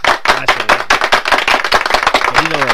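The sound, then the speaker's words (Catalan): The live audience of the radio programme Males Cartes claps steadily in a dense, continuous patter of hand claps, with a few voices whooping and cheering over the applause. “O sigui que tranquils, perquè això com a mínim es mereix una mica d'aplaudiment, eh?”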